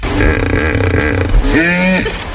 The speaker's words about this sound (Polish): No mógł co? Być lew, mógł być jakiś tygrys, mógł być wąż, ale nie, no poszedł w jakiś miks krowy ze skuterem. To hipopotam był.